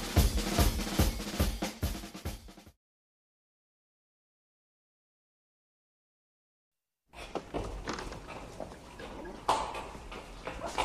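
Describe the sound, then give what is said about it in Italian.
A mule is being tied up: its hooves clop in a quick, steady rhythm for a couple of seconds, then silence, followed by shuffling, rustling and scattered knocks as the animal is handled. “Sto legando il mulo.”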